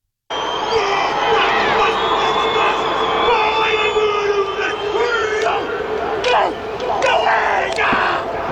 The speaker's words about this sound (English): Martin Nonu has responded to the AB's haka with one of his own. This is over in South Africa. Have a listen.